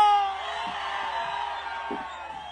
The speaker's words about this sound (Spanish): Así que todo aquel que se sienta bien orgulloso y bien chingón de ser ranchero, ¡aviéntense en un pinche grito!